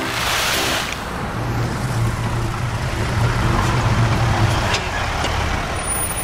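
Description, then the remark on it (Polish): A truck rumbles steadily as it approaches and arrives, its low engine drone holding throughout with a brief hiss near the start, loud with no voices. “nakładne auto.”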